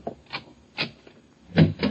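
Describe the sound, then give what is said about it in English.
Another door up a hall is opened: a handful of short clunks and latch rattles spaced irregularly, the last ones louder, with no one speaking. “Open the other door,”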